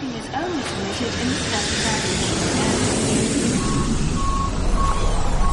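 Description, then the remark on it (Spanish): Airport ambience: a dense, steady roar of engines and machinery with indistinct voices mixed in, and a short series of evenly spaced electronic beeps, like a vehicle reversing, near the end. “La atmósfera sonora de un aeropuerto engorda.”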